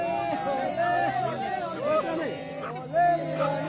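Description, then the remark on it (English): A steady hubbub of a growing crowd at a hotel, including Australians who came for the World Cup and Iranian-Americans from San Diego, many overlapping voices talking at once with occasional louder bursts rising above the continuous babble. “Back at the hotel, the crowd grows.”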